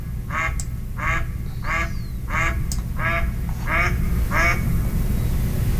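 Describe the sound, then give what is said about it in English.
A male mallard gives a series of seven reedy, low quacks at a steady rhythm over a constant low rumble of background noise. “It's kind of a reedy, lower sound. So I think this last one is probably a male mallard, the first one with the female.”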